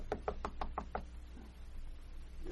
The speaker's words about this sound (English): This is it. Yeah. Don't want to knock too loud. I've still got to wake him up.